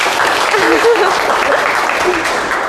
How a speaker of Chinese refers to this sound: 好，非常积极主动啊，来，给点掌声吧。